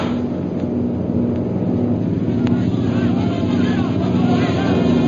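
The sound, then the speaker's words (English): A loud, steady engine roar from low-flying airplanes, one plane coming straight toward the listener, a dense droning hum with a pulsing low tone that holds constant throughout. “Here comes one plane right at us.”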